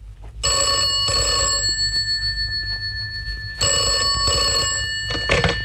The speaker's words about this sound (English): Then the phone rang.